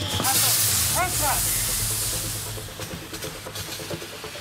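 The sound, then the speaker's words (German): A loud, steady hissing rush of a fire hose spraying water onto burning rubbish, with brief voice sounds early on, then settling into a quieter, crackling spray. “Wir müssen jetzt erstmal hier massiv Wasser draufhalten. Es brennt massiv Unrat.”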